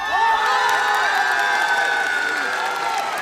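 A crowd cheers and shouts loudly and continuously as a singing group and two hosts are welcomed back onto the stage, high excited voices blending into a steady roar with some applause underneath, holding at a constant level throughout.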